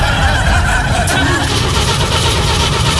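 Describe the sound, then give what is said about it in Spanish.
A Lada Samara car engine runs with a loud, steady rumble and broad mechanical noise throughout, while muffled voices are faintly audible underneath. “ahí anda con su lada. Lada Samara.”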